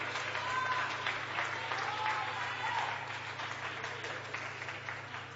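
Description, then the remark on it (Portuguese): A seated audience at an evening worship service applauds the Lord steadily, a dense wash of many hands clapping at an even level for several seconds, with a low constant hum underneath and faint voices mixed in. “Podeis assentar e aplaudir ao Senhor se você sentir bem forte, bem alegre e bem feliz.”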